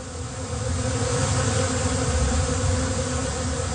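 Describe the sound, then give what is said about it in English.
A dense, steady drone of over 500,000 honeybees buzzing together from 8 hives beneath beds in a 10-by-12 structure near Windsor. It is continuous and fairly loud throughout, with no voices. “There's 8 hives, and they're underneath the beds.”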